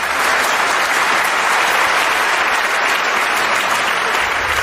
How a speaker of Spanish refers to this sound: ¿Por qué aplaude toda esa gente? Ah, no. Por nada, es que han visto la película muchas veces.